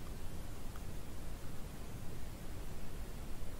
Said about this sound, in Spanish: Yo creo que está lloviendo. Se escucha algo, sí. Pero no estoy seguro. Espera. ¿Está lloviendo? Hoy marcaban tormentas en la zona.